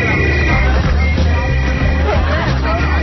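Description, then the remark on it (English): Low-flying military planes circling over houses rumble, a loud, steady, deep roar with a broad noisy wash over it, holding constant throughout, while indistinct voices murmur underneath. “There they come. Terrible noise. Military planes.”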